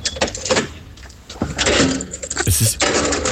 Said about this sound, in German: Und das war das Geräusch der Tiefgaragentüre.